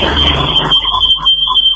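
A passing freight train: a loud, broad rumble that drops off after under a second, with a steady high-pitched whine running throughout and a few short mid-pitched tonal bursts afterward.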